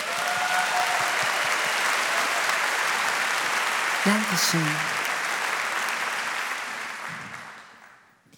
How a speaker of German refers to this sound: Behalte diese Energie bei für die Königin, die wir noch haben. Mach mal bitte Applaus für